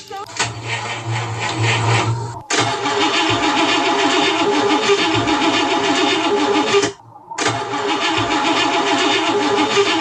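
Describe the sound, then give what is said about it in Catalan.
A car engine in a garage cranks over and over without catching, a loud, rhythmic grinding churn that runs in long bursts broken by two brief pauses. “Al garatge, el so del motor que li costa arrencar, raca, raca, raca, raca, raca, raca, raca, raca.”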